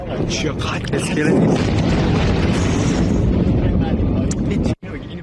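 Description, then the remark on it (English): Loud, deep explosions from strike videos posted by President Trump on social media roll into one continuous booming roar with heavy low rumble, broken only by a brief cutout near the end before the rumbling resumes. “Now, earlier, President Trump posted these videos of explosions on social media.”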